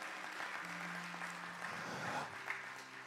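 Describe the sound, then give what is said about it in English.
An audience gives the Lord a big hand clap, clapping in a steady, dense wash of applause, with a low sustained organ-like tone sounding underneath and shifting pitch partway through. “Give the Lord a big hand clap, if you will.”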